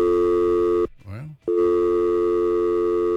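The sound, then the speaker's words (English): A loud, steady telephone busy tone on a new phone system whose lines are all loaded up fills the line, cut off for about half a second by a brief voice-like burst before the tone resumes and continues to the end. “Phones got all loaded up there all of a sudden.”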